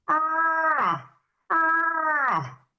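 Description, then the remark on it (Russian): Two long, moaning bellows of a bull moose during the autumn rut, calling females while roaming the forest at night, each about a second, steady and harmonic before sliding down in pitch at the end, with a short pause between them. “Что самцы в прямом смысле слова с заката до рассвета всю ночь носятся по лесу, издают вот такой голос.”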